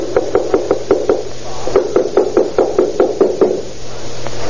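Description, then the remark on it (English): Police pound with a fist on the door of apartment number 7 in two rapid bursts of about six to seven heavy knocks each, separated by a short pause, loud against a faint steady hum. “Someone moving around in there. Hit it again. Open up, Mueller.”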